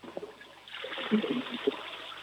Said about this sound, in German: Ja, das war die Klospülung von der Anna.